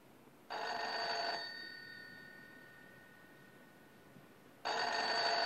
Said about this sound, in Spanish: ¿El teléfono? Debe de ser Carlucci.